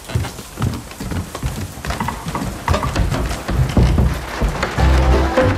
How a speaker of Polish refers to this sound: A, nudzę się i strugam sobie patyk. Patyk, naprawdę?